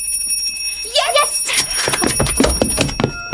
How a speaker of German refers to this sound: Erst muss meine Mutter mit dem Glöckchen läuten.